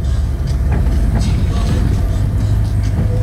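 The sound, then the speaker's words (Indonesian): A long convoy of many dump trucks rumbles past in busy but flowing traffic on Jalan Raya Waru Onggorawe, a loud, continuous low engine drone with faint clanks and rattles rising above it. “Iring-iringan truk dam banyak sekali.”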